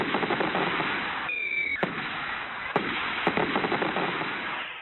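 Fireworks bang and crackle in a steady barrage, with a few sharp louder reports standing out and a brief whistling streak rising above the rumble, with no talking.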